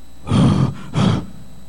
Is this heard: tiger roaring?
yes